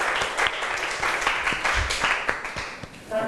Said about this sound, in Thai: ขอเสียงปรบมือดังๆ